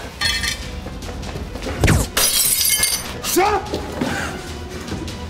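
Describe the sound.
A loud gunshot crack, fired from the house opposite, is followed at once by glass shattering, with bright tinkling debris spilling for a moment while agitated voices shout over the aftermath.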